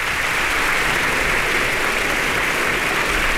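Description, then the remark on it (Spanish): A concert audience in the concert hall of the Centro Cultural Tlacná applauds viola soloist Maestro Andrei Katsarava after Stamitz's Viola Concerto in D minor, a dense, even wash of many hands clapping at a constant loudness throughout, with no voices rising above it. “Maestro Katsarava agradece los aplausos.”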